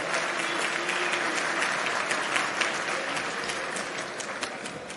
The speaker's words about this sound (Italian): E vi chiedo un applauso per una vita di militanza e di coerenza ideale.